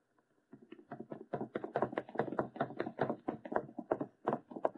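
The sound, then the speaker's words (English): Rapid, heavy footsteps of a man pound down a staircase as he leaves, a quick uneven run of thumps lasting several seconds, fairly loud with no voices over them. “I can hear him going downstairs.”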